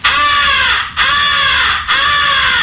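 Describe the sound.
Three loud, harsh, drawn-out caws in quick, steady succession, blown on a crow call giving the come-here call of a crow in distress, used to attract distant crows, with nothing else in the background.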